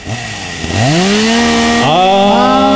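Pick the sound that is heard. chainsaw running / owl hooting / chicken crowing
chainsaw running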